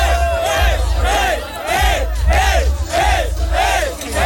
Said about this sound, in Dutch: En dan hoor je mensen je naam schreeuwen. Je loopt het podium op. Je voelt de bas in je buik. En je hoort dit.